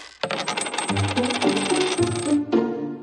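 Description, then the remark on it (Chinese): A cascade of coins clattering and jingling as they drop when a magnet's pull is switched off at home, a dense metallic rattle that keeps going for a few seconds, with a brief pause and a final burst of clinks. “蛋宝，快停止磁力！”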